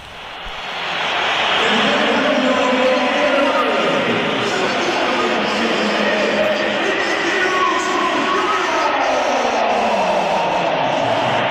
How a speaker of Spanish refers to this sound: Vamos, vamos a oír los pitos también a Vinicius cuando se iba del partido.